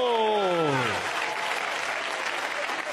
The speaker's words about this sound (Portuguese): Palmas bien alegres para Jesús. Palmas para Jesús.